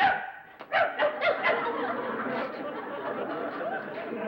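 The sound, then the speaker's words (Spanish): A person gives four quick, rhythmic barks in imitation of a dog, fairly loud, followed by a stretch of murmuring voices and light chatter in the background. “Hasta de perro eres feo.”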